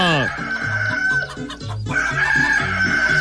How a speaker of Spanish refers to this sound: A levantarse que ya cantó el gallo.